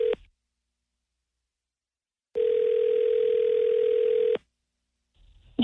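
A telephone dial tone sounds as a call is placed from The Chubb Show radio program on 106.9: a short burst, a steady two-second tone after a pause, then another tone starting at the end. Clear, with no talking.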